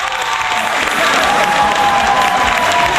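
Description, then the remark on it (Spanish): A burst of applause sound effect fills the whole clip, played on a program for Chupallita, steady and loud, with dense clapping mixed with scattered cheers and a faint high whistle-like tone running through it. “Se me perdió el aplauso, Chupallita.”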